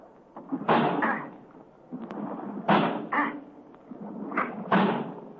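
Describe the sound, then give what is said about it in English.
The heavy door of a locked vault with no windows is battered by a man's shoulder as he tries to break it down, in three pairs of hard, booming thuds with short pauses between, loud, with no voices. “I'm going to try to break down the door.”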